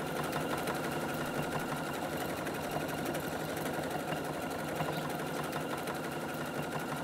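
A sewing machine runs steadily for several seconds, its needle clattering in a fast, even rhythm over a continuous motor whir, with no voices.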